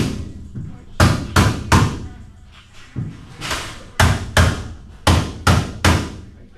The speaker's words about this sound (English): Back at the outpatient health center, construction crews hammer away at wall frames on the upper floors.